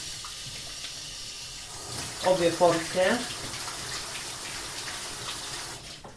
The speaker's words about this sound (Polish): I teraz starannie muszę wypłukać mięso, które trafi do rosołu. Mięso oczywiście należy wypłukać bardzo starannie. Najpierw w zimnej, później w ciepłej i później z powrotem w zimnej wodzie.